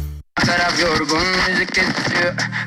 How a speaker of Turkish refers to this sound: Senin de kulaklığından böyle cızırtılar geliyorsa vedalaşma zamanı geldi.